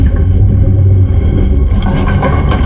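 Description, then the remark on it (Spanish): Dense, harsh radio static crackles and rumbles steadily, blocking a radio conversation, growing brighter and hissier partway through, loud with no voices. “Hay interferencia, no te escucho.”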